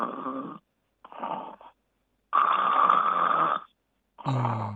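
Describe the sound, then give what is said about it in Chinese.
Steady, continuous snoring without breathing pauses: four rasping snores rising and falling in a regular rhythm with short quiet breaths between them and no longer pauses, with no talking. “正常的就是如果单纯的没有呼吸暂停的鼾声应该持续的，就像这样。”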